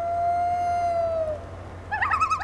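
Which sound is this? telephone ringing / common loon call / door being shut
common loon call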